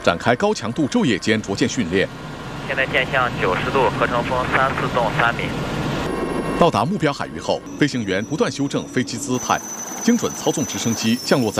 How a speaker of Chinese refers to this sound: 海上逐舰训练是锤炼飞行员海空态势感知、促进舰载能力生成的关键科目。在渤海某海域，海军航空大学多型舰载直升机展开高强度昼夜间逐舰训练。